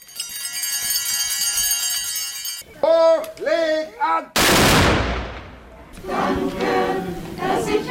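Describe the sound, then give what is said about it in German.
A single booming black-powder salute shot cracks out midway at a Corpus Christi procession in Sipplingen, after the first blessing before the altar; its roar trails off in a long echo, with sustained tones and a chanting voice before it and church choir singing afterward. “Erster Segen vor dem Altar, dann der Böllerschuss, schließlich der Kirchenchor, dann setzt sich der Zug in Bewegung.”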